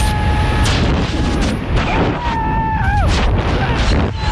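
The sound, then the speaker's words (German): Loud, steady roar of rushing wind buffeting throughout a skydive jump from an airplane above Stadtlohn, with a thin whining tone that wavers and dips briefly partway through; no talking. “Ist aus dem Flugzeug gesprungen, oberhalb von Stadtlohn. So klang das Ganze.”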